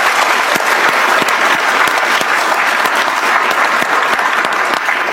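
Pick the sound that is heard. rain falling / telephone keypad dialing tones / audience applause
audience applause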